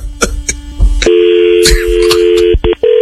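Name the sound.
telephone number being dialed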